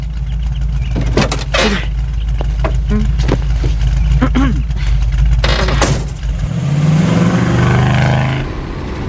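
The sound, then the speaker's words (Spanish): A car drives with a steady, loud low engine rumble while people talk over it; near the end the engine tone shifts and rises into a higher, smoother hum. “Perdón, que te lleve a tu casa, en mi auto.”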